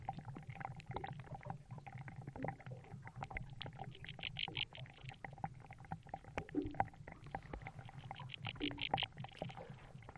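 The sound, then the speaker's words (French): Underwater bubbles escaping from marsh mud, recorded with a hydrophone in a calm corner of the marsh, make scattered soft pops and clicks over a steady low rumble, with brief bursts of rapid, higher ticking now and then. No one speaks. “Le marais, qui semblait silencieux, est rempli du son de bulles d'air qui s'échappent de la vase.”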